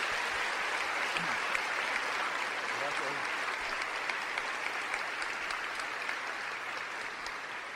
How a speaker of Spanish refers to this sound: Le damos un fuerte aplauso a nuestro Señor Jesucristo.